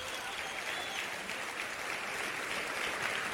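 Steady applause from a crowd during a sermon, given to the King, a dense wash of clapping that holds at an even level for a few seconds without pause.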